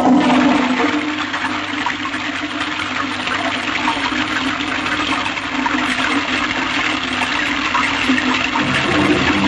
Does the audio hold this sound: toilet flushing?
yes